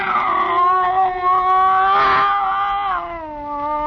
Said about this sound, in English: Slowly, it moved out into my line of vision. It was a cat. That scrawny cat, Clara, that Mother Willis had sneaked aboard in La Guaira.